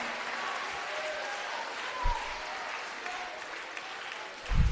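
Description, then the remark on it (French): An audience claps steadily, a dense, continuous wash of many hands with a few louder bursts, and no voices stand out above it. “Applaudis plus fort encore.”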